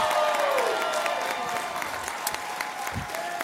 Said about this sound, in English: So our first one, I thought I'd do this one first because I kind of wanted the loud applause right away.